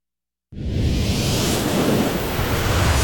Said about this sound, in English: Just bringing a little bit of the beach to you while you're stuck in traffic.